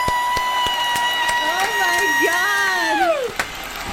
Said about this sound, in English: Oh, they're doing it again! Oh, they're clapping me! That was an encore!